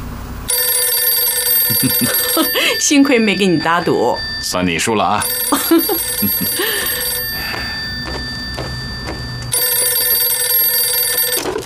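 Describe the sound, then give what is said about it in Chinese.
A telephone bell rings on and on in a steady, high, metallic trill as the Chairman calls, with a man's voice speaking over it partway through before the ringing continues alone. “不出20分钟啊，主席肯定打电话来。”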